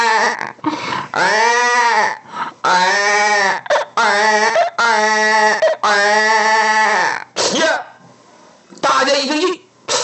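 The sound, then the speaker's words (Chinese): A person's voice imitates a baby crying: a series of loud, drawn-out wailing cries with short breaths between them, pitch rising and falling, ending in a few choppy sobs. “找了半天没有找到，大家正想回来呢，突然间呢，有一声孩儿啼哭，在这茂林当中骤然响起呀、啊！”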